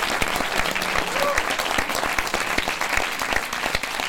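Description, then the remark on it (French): Sustained audience applause for Hélène Azéra, a figure of the gay and trans revolutionary movements since the 1970s, fills the whole stretch: a dense steady patter of many hands clapping at even loudness, with a faint brief whistle-like tone rising above it. “Tous vos applaudissements.”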